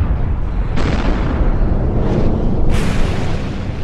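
A deep, continuous roaring rumble of the 1815 eruption of Mount Tambora in Indonesia, loud and sustained, with heavy low-end booming as the ground shakes and sudden blasts of hissing, crackling debris surging in around one, two and three seconds.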